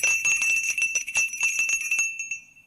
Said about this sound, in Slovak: Zvonili ste, pán prorok?